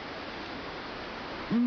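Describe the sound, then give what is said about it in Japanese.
A steady hush of night-time ambience on the shore of Lake Akan, Hokkaido, Japan, then a deep, low hoot from a Blakiston's fish owl, called Kotan Kor Kamui, the village guardian god, breaks in loudly at the very end, cut off as it begins. From a programme broadcast in 2015. “静寂の闇夜に鳴くシマフクロウは村の守り神、コタンコロカムイと呼ばれます。”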